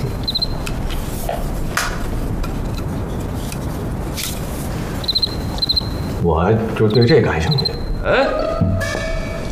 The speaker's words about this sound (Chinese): 我就对这感兴趣。嗯，蛐蛐。哎，来来来，我看看。